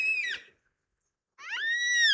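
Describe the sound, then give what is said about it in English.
Two drawn-out, wailing cries of yellow-tailed black cockatoos, huge jet-black parrots with about a 3-foot wingspan seen against a blue sky, three of them present. Each cry is a loud, harmonic, slightly descending call, separated by about a second of silence. “That wailing cry we're hearing.”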